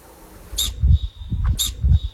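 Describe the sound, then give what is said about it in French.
Two sharp, hissing whistle-snorts of an alpine ibex, about a second apart, each followed by a thin lingering high tone, over low thumping rumbles. “Le bouquetin, oui, c'est le bouquetin.”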